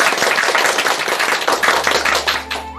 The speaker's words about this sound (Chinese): 我们掌声欢迎。